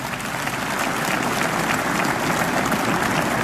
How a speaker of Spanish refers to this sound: Démele un aplauso a esa palabra de Dios.